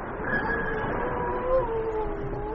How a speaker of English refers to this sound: Surely the nature of this rudimentary whale dialogue is at last conclusive proof that there is a creature as intelligent as man himself. Or, if you like, as stupid.